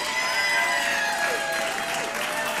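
A crowd applauds a live music performance on the radio show Bill Street Caravan, a dense, steady wash of clapping with faint cheers and whistles rising through it, sustained and fairly loud across the whole stretch.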